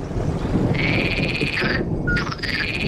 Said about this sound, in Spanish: Este pitido es el sapo partero. Es muy frecuente escucharlo en los cerros de yeso.